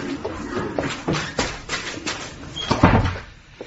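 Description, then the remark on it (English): A classroom door opens and closes as a teacher steps outside, with a series of light clicks and knocks from the latch and frame, then a heavier clunk as it shuts. No one speaks. “I shall be just outside that door and won't be tired anyone who is so much as even whispers.”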